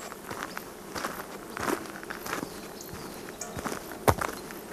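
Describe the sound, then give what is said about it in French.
Footsteps crunch along at an uneven pace, with a few sharper, louder steps standing out, while a soft buzzing of insects hums steadily underneath. “marche, rythmée par la musique des clarines qu'ici on appelle sonail.”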